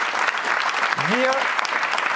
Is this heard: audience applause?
yes